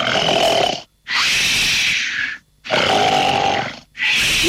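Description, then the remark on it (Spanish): Loud, harsh recorded human snoring plays in a steady rhythm, with three long raspy breaths separated by brief silent pauses, alone with no talking. “Ronquido número tres.”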